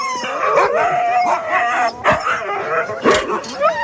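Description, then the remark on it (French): A pack of excited sled dogs barking, yipping and howling all at once, jumping for joy and eager to go running, a loud continuous chorus with sharp overlapping barks throughout, as only two of the dogs are chosen to run. “Bon, bah, vous avez fait des jaloux parce qu'on a choisi que deux chiens.”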